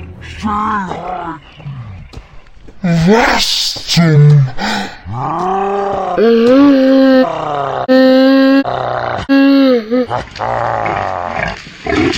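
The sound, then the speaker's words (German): A male wild boar (Keiler) named Herbert, just shot with a bow, grunts and roars loudly in a run of strained, bellowing calls that rise and fall in pitch, with a brief spoken exclamation mixed in. “Heißen die hier nicht Wildschweine? Das ist ein Keiler!”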